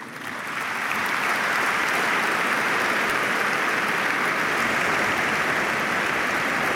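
A crowd bursts into steady, loud applause, many hands clapping in a dense, continuous patter that builds quickly in the first second and holds evenly throughout.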